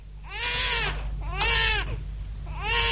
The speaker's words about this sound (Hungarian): Így vigyázott-e az én gyerekemre? Hát nem hallod, hogy bőg?